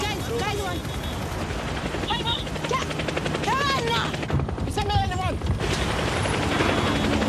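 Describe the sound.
A DHL helicopter's rotor thuds in a steady, rapid chop, loud throughout, with brief higher chirping sounds and muffled voice-like bursts over the dense roar.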